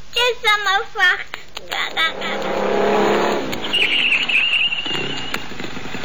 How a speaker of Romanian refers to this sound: Cine vine cu motocicleta aia?